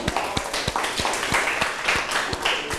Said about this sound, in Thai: เก่งมากปรบมือเพื่อนหน่อยครับ